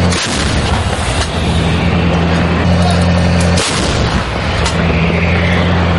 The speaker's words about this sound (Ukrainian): Один за одним в бік штурмових груп рашистів вилітає майже десяток снарядів. Ось так, навіть треба шолома тримати, аби не злетів. Так працює 155-й калібр паладіну.